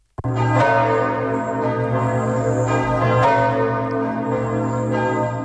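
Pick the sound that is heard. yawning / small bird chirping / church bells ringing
church bells ringing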